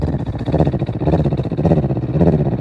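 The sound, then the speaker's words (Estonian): A person imitates a cat purring while breathing out, with a low, steady, buzzing rumble that flutters rapidly and swells in a few breath-like waves, with no words spoken. “No välja hingamisel ka mina võin teeselda, imiteerida nurrumist.”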